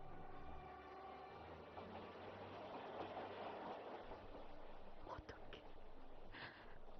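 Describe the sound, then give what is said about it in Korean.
A train rolls steadily across an iron railway bridge, a loud continuous rumble with metallic clanks and a few sharp knocks near the end. “지금도 그 철다리 우려는 열차들이 무석으로 달리고 있지.”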